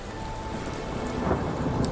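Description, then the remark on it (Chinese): A sudden thunderstorm on the water with heavy rain, as wind-driven waves beat against a boat's hull: a steady, dense downpour hisses across surfaces while low thunder rumbles underneath, swelling slightly louder toward the end. No voices. “那一次他遭遇恶劣天气，船行过半，暴风雨突然来袭，狂风裹挟的巨浪拍打着船身，船只剧烈晃动”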